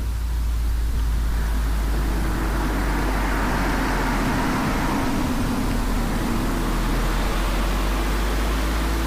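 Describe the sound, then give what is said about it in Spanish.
Steady road traffic passes at the entrance to the village of Corres, in the municipality of Arraial Maestu in Álava's mountain district, at 19 degrees, with a low rumble throughout and a vehicle's passing swell rising and fading around the middle. No voices are heard. “Tráfico que pasa a la altura de la entrada del pueblo de Corres, término municipal de Arraial Maestu.”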